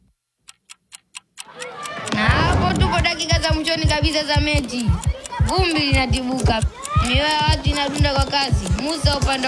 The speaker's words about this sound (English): And then we have like a crowd erupting situation.